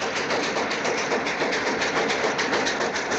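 A train rolls steadily along the rails, a dense continuous rumble with a faint repeating rhythmic clatter, loud and constant throughout with no voices.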